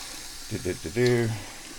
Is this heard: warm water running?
yes